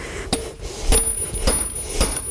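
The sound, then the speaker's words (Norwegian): A horseshoe being taken off a horse during shoeing on a farm in Jevnaker: four sharp metallic clinks or taps land at a steady, unhurried pace, each with a thin, high ringing tone. No voices are heard. “Ja, først så tar jeg av skoen.”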